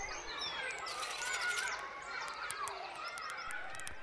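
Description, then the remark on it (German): Small birds chirp and sing together in a busy, continuous chorus, with overlapping whistled phrases and quick high chirps throughout. No one speaks. “Die drei kleinen Vögel verbrachten noch einige Zeit miteinander, flogen um die Wette, spielten Fangen und zwitscherten sich ihre schönsten Melodien zu.”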